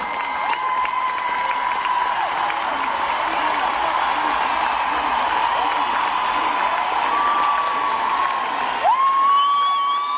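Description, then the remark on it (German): A large stage-show audience roars with sustained cheering and clapping, loud and dense throughout, with scattered high whoops and shouts rising above the ovation. “Das Publikum rastet natürlich auch aus.”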